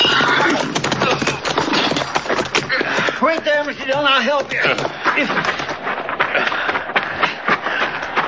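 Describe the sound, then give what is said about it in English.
A horse lets out a loud, wavering whinny that rises and falls in pitch for about a second, set against a steady clatter of hoofbeats and rustling that runs throughout. “Oh, get him off his horse.”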